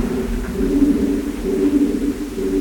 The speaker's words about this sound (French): pigeons. Ils sont pas là où on est, ils sont vraiment dans l'autre partie de la grotte. Parfois ils peuvent être une cinquantaine et quand ils sont 50 en même temps à faire ça, on a vraiment le sentiment d'une sorte de chant. Là il est tout seul